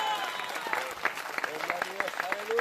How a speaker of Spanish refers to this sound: Dele fuerte ese aplauso si es para Él.